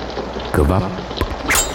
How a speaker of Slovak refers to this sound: kvapkanie vody. Kvapkanie vody?